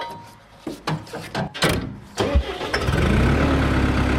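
tractor diesel engine starting

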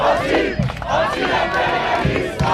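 protesters shouting

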